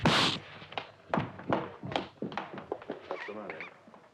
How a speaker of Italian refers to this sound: Ma ha dato uno schiaffo? Sì.